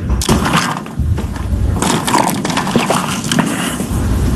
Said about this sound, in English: Pick the right question to sip on, huh? The sound effect you heard was him taking a drink of water as that question was being asked, HD, loudly, to make sure, like, oh, so this is what we're doing.